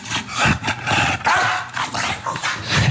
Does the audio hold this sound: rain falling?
no